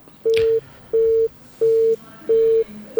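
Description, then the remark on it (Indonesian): A phone line's disconnect tone: a steady run of short, identical electronic beeps at a fast, even rhythm, clear and fairly loud, with no one speaking. “Terputus.”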